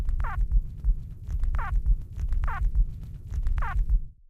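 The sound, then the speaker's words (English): Four short, harmonic squeaks from a tiny creature in a subterranean nest, made during nest emergence, evenly spaced about a second apart, each a quick bright chirp rising over a steady low throbbing rumble. “This vocalization was also produced only during nest emergence, and it sounds a little bit like a squawk or a squeak or a squibble.”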